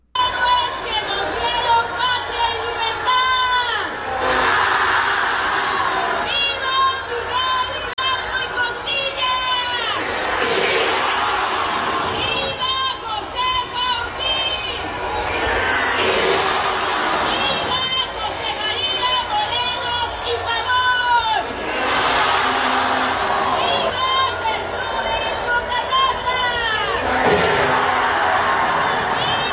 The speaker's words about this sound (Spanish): O sea, que se escucha el viva, pero no se escucha o no se ve que la población esté gritando.